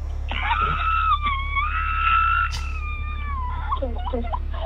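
A long, high, wavering scream rises and holds for about three seconds, then breaks into shorter yelps, heard in the background of a caller's phone line to a radio show, all over a steady low electrical hum.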